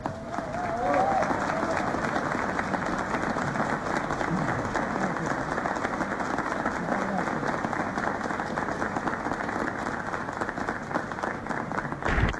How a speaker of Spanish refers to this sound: Un aplauso muy grande y el agradecimiento a todos sus miembros, al coro Las Voces de Calamuchita.